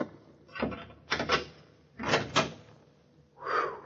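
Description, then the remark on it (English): An old door grinding open in several rough, scraping surges separated by brief pauses, harsh and fairly loud, with no voices. “This is the door, I think.”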